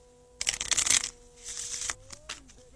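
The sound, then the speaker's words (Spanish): Crisp riffle of a tarot card deck being shuffled in quick bursts, a flurry of papery slaps followed by a second shorter shuffle, with a faint steady hum underneath. “Vamos a barajar bien, sin temor a equivocarnos en nada.”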